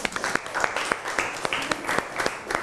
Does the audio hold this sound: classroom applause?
yes